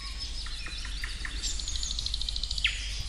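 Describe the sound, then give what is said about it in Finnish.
A Eurasian nuthatch calls at Siikalahti in Parikkala with a run of short, high, piping notes in quick succession, followed by a sharper rising chirp, over a low steady rumble with no voices. “kuuntelee sitä kutsuääntä, niin kun menee vaan perästä, niin sitten sieltä kolosta jostakin kurkki”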